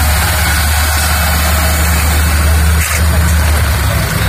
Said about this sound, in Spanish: Junto a este movimiento de personas, la mañana dejaba también la llegada de autobuses, eso sí, a un ritmo lento.